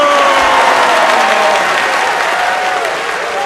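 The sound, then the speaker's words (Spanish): An audience claps loudly and steadily throughout, a dense wash of applause with a faint whistle-like tone drifting beneath it, easing off slightly toward the end. “¡Aplausos!”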